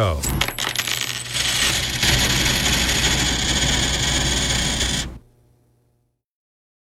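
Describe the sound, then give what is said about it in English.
A handful of loose pocket change is dropped onto a table in a dense, bright jingle lasting several seconds, then quickly settles into silence. A voice speaks briefly at the start. “So what I'm going to do is I'm going to drop it on the table. And just by listening to it, you got to tell me how much change was in his pocket.”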